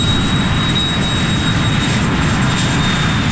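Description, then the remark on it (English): A loud, steady jet airplane roar fills the air overhead near JFK Airport, a dense low rumble with a thin high whine running through it, continuous with no voices. “When my parents moved near JFK Airport, I would watch the planes flying overhead and imagine them taking me to India”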